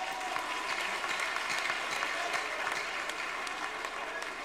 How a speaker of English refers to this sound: Please, a round of applause for Amaju Pini.